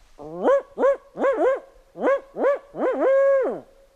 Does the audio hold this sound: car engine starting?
no